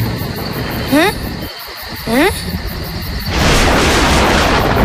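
Two quick rising whistle-like sweeps, then a sudden explosive burst swells into a broad, sustained roaring rumble that fills the last second and a half.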